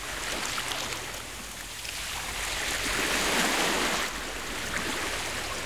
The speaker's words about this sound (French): Dans la boîte à trésors de Toudou, il y a un grand coquillage. Et quand Toudou colle son oreille dessus, il entend la mer.